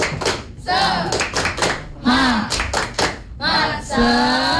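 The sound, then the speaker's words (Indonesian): A group does a "tepuk semangat" spirit clap, clapping in a quick, patterned rhythm, loud sharp bursts with short pauses between runs, while many voices chant and shout together over the claps. “Tepuk semangat.”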